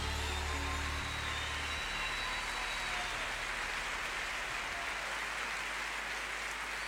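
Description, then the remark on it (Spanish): Loud, sustained applause from a large crowd, a dense wash of clapping that stays steady for several seconds with no voices standing out. “Fuerte aplauso, de verdad, impresionante.”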